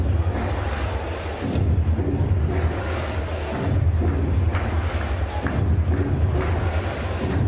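A steady, broad wash of crowd murmur fills a baseball stadium in New York during a Mets–Braves game on a rainy Monday night, rising and falling in loose waves, with a heavy low rumble underneath and no clear voices standing out.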